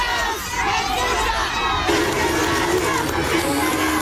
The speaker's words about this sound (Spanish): Manifestaciones dentro y también afuera. A la salida del Teatro Serenense, Kast fue despedido con gritos y pifias, los cuales se mezclaron con algunos aplausos de adherentes hasta la partida del mandatario al aeropuerto de La Serena.